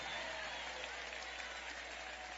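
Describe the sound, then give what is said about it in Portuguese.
An audience applauds in praise of God, a dense, even wash of many hands clapping at once with no breaks, filling the whole clip at a moderate level. “Pode aplaudir a Ele, pode glorificar, podem exaltar.”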